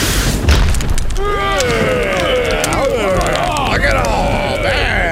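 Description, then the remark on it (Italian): A loud thunderclap from a lightning strike that kills Click instantly, reducing him to ashes, booms and rumbles throughout, its harsh crackling roar sustained, while wavering vocal cries rise and fall over the noise from about a second in. “Già, il fulmine lo ha folgorato all'istante, riducendo il poveretto in cenere.”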